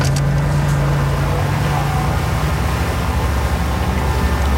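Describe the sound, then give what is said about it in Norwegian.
A boat engine is started and then runs steadily, a loud, constant low droning hum with a rough mechanical rumble and no pauses or change in pace. No one speaks. “kommer motoren I gang nu. Starta motoren.”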